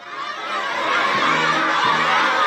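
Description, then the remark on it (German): A crowd of children cheers and shouts continuously in front of the Great Hall of the People in China, welcoming Donald Trump and Xi Jinping during a US president's state visit, a dense, bright wash of many high voices that swells slightly and stays loud throughout. “Rote Teppiche, Blasmusik, jubelnde Kinder vor der großen Halle des Volkes.”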